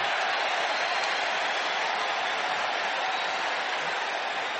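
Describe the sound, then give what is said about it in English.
A steady, dense roar of a large stadium crowd during a timeout at a night football game, a loud continuous wash of voices and cheering with no pauses and no clear talk above it; the lower bowl is full all the way around. “Boy, the noise level has been high here tonight.”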